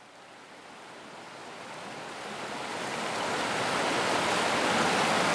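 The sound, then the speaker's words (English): Steady rushing water of the Turkey River, where a man and his two children are throwing rocks, a broad hiss that swells gradually louder over a few seconds, with no distinct individual splashes standing out and no voices. “a recording of him and his two children returning to a favourite spot on the Turkey River, throwing rocks, collecting splash sounds and a few other observations.”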